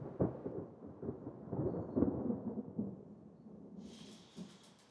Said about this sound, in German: Ich glaube, da braut sich ein Gewitter zusammen.